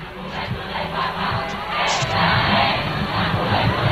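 A huge crowd of more than 650,000 young people at a prayer vigil with Pope Leo XIV in Spain cheers, applauds and chants amid Spanish flags, a dense, continuous roar of many voices that stays loud throughout and swells slightly toward the end, with no single voice standing out.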